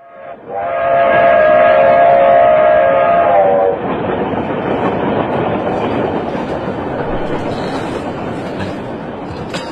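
A loud, sustained train horn sounds for a few seconds, then gives way to the steady rumbling and rattling of a moving train running along the rails. No voices.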